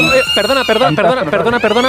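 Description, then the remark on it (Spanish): A steady, high electronic alarm siren at a school, sounding three times, drones continuously beneath people talking loudly, the alarm holding one pitch throughout while the voices rise and fall over it. “se acaba el concurso porque está sonando la sirena, pero no suena normal, está sonando aquí en el colegio tres veces y esto es un poco raro porque apenas ha empezado la clase.”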